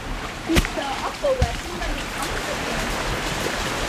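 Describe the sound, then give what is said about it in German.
Steady rushing and trickling of water flowing through a narrow channel along a small viaduct-like structure, continuous, with a couple of brief knocks and faint voices in the background. “Hey, oder ist aus irgendeinem Grund hat das Wasser vielleicht auch gefasst?”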